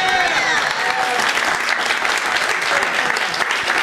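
Steady, dense audience applause fills the whole stretch, a loud wash of many hands clapping at an even level, with faint crowd murmur and brief whoops mixed in.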